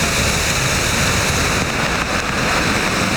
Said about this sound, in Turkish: Akşam saatlerinde bastıran yağmur İstanbul'da birçok ilçede etkili oldu. Yolları tam anlamıyla sel aldı. Yağmura hazırlıksız yakalananlar göle dönmüş yollarda evlerine gitmek isterken perişan oldu.